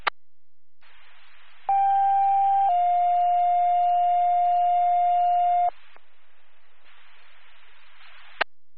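Two-tone dispatch radio paging alert for Walton EMS: a steady high beep for about a second, then a slightly lower tone held for several seconds, framed by bursts of radio static and squelch clicks.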